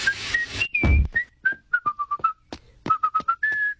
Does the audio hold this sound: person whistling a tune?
yes